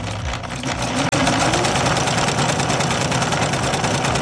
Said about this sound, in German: Darum machst du jetzt mit mir direkt den Test. Kannst du den Stich dieser Nähmaschine am Geräusch erkennen?